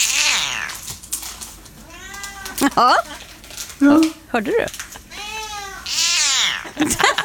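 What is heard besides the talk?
two cats meowing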